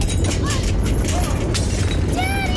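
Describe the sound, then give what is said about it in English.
A loud, continuous low rumble with repeated crashes and clattering, as if glass and objects were breaking during an earthquake, while voices cry out now and then over the din. “What's going on? It's an earthquake!”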